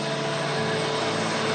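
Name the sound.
helicopters flying overhead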